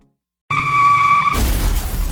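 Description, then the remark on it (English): Car tires screech loudly for about a second in a sustained high-pitched squeal, then it cuts off into a harsh, noisy crash-like burst that carries to the end. No one speaks. A car driven too fast to get to the Labor Day sale at Steve Hahn crashes. “Okay, maybe don't crash your car trying to get here, but do get here.”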